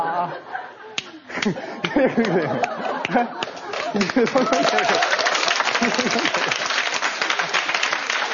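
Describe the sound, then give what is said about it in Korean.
An audience breaks into applause, sharp claps starting sparsely and building into a dense, steady round that continues to the end, with voices and some laughter mixed in. “야, 똥 가방 얘기하고 박수 받은 적 있어요?”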